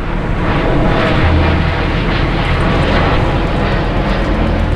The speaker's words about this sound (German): Das soll weniger werden hier. Weniger Flugzeuge, die über den Ort fliegen, so sehen es neue Pläne von Fraport und Deutscher Flugsicherung vor.